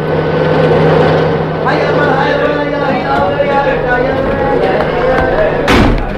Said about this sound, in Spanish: Los vehículos cargados de policías y soldados irrumpen velozmente en el barrio árabe.